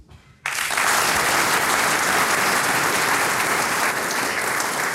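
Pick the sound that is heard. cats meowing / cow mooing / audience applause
audience applause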